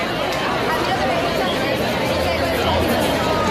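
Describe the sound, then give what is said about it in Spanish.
A large crowd fills the Plaza de la Constitución at night with a dense, steady hubbub of many overlapping voices, with no single speaker standing out, holding an even, fairly loud level throughout. “Así está sonando esta noche la Plaza de la Constitución.”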